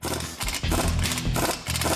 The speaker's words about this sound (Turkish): Bu da yeni tabanca. Bunun yarısı kadar ses çıkarıyor. Yarısı kadar ses ortadan kaldırılmış zorunda. Bu darbeli anahtar kulak zarınızı delmeden işinizi yapmanızı sağlıyor.